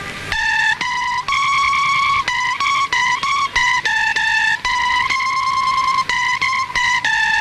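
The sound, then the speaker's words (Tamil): Loud, shrill guitar notes during a rehearsal of a Hindi song, held almost continuously, sounding sour and out of tune, with slightly wavering pitch and brief choppy breaks between them; no voices. “அந்த டோன் வரல, ஏதோ கீச்சன் கேக்குது பாரு.”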